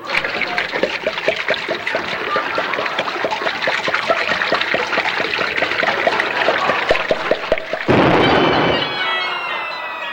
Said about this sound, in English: Have a wee drop of Reg Agony whiskey. Aye, aye, aye, aye. Pour it down my throat, lad.